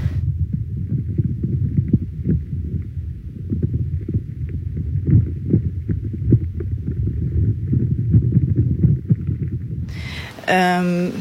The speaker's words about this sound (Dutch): En nu hoor ik dus... Ja, krakende geluiden. Wat zowel nog de boom kan zijn die water eigenlijk aan het opslorpen is... Maar er kunnen ook insectjes zijn.